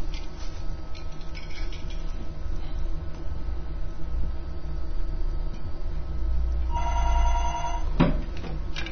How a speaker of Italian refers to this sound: Suona il telefono, interrompiamo la trasmissione.